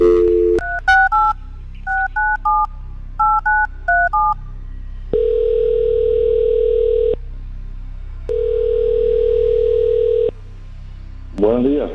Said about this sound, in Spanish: Si te registraste, a lo mejor tu teléfono suena en estos momentos, ¿ok? Así que vamos, vamos a marcarle el teléfono a esta persona,